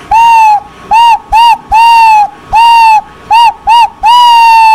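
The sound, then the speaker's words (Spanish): A loud owl-hoot whistle sound effect, the 'tucurito', played on Radio Cherán: eight clear, tonal hoots in a long-short-short-long pattern that repeats, each note slightly bending in pitch, with no talking over it. “Ahí está el tucurito.”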